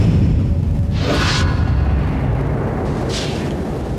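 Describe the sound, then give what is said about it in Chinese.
Two quick airy whooshes of a thrown throwing knife slicing through the air, about two seconds apart over a steady low rumble, with no voices. “你那飞刀嗖嗖一飞，要啥有啥。”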